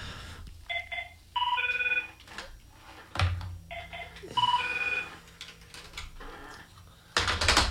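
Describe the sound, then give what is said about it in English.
A radio station's electronic telephone rings while the host is talking on air, in two warbling double bursts, pausing between them, with scattered clicks and taps in the background and a brief rush of noise at the end. “I can't answer the phone when I'm talking.”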